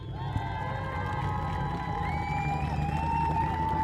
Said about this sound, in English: Mike Brown getting a really, really good round of applause as he heads up onto the third step there with his quickest lap of 127.477 for Mike. And he's up there, gets a laurel wreath over his neck.